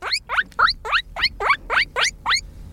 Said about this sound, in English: Guinea pig. Classic.